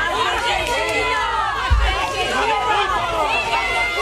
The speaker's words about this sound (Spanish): Los vecinos de Hornachos, indignados, recibieron a Julián y a Lolo con gritos de asesinos y golpes en el furgón de la Guardia Civil. ¡Asesino!